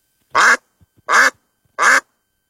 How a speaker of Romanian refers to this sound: Rața. Avem un punct. Mai departe. Da, eu eram să zic că e o broască. Da. Adică nici tu n-ai ghicit că era rața?